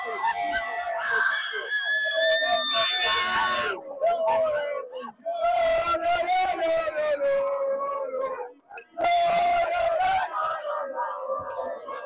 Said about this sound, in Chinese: 在马德里，大批球迷们聚集在社区广场观战世界杯决赛，共同见证了西班牙夺冠，一起去感受一下球迷的欢呼喜悦。